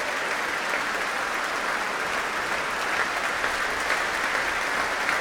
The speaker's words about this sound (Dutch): Ja, met terecht een groot applaus hier in Amsterdam voor deze heerlijke uitvoering van die symfonie Fantastiek van Berlioz.